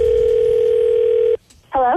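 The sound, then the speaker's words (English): A steady telephone dial tone hums loudly for over a second, then cuts off abruptly; after a brief silence a voice begins speaking. “went in to get a phone tap.”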